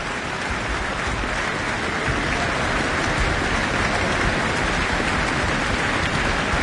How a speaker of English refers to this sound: Gigi, back on stage after that encore. For yet more applause, we might get a second.